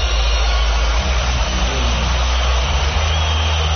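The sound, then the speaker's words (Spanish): A whole stadium crowd boos Donald Trump in a loud, unbroken roar that holds steady for several seconds, heavy in the low end, with no single voice standing out. “Se oye el abucheo.”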